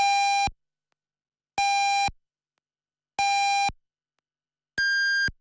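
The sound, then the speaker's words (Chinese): Radio time signal marking 8 o'clock Beijing time on FM107.4 Anhui Elderly Radio: three evenly spaced, clear electronic beeps at the same pitch, then a fourth higher-pitched beep, loud and alone with silence between them. “北京时间8点整”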